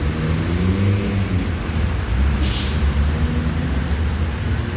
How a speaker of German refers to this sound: Vor dem Berliner Hauptbahnhof zwischen Fahrstreifen und Straßenbahnschienen beobachtet Polizeihauptkommissar Müller den Verkehr. Ganz schön viel los. In Berlin ist ganz schön was los.